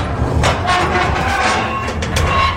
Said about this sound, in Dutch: Die container die kunt u ook afsluiten. Ja. Dus we zullen de deur even dicht doen.